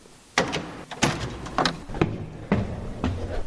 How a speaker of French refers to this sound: Et donc, on va ouvrir la porte qui est derrière l'hôtel et on va découvrir ce lieu. Allez, c'est parti.